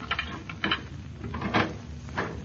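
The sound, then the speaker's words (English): A few soft metallic clicks and scrapes as a key works in a lock, followed by the clunk of a front door opening, fairly quiet, with no talking. “No, we'll just use our key.”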